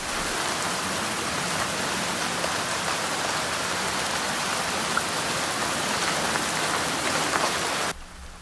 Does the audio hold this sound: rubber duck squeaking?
no